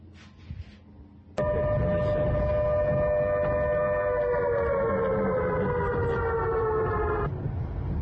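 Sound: air raid warning siren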